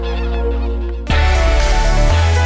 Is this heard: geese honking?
yes